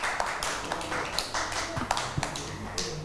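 A short burst of applause: a few people clapping in an uneven, fairly soft patter of sharp slaps lasting about three seconds, with no one speaking.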